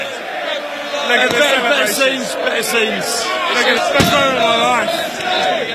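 Outside the Emirates stadium at night, a dense crowd of Arsenal fans celebrating the Premier League title shouts and chants without pause while a few sharp, sudden firework bangs burst through the noise at scattered moments.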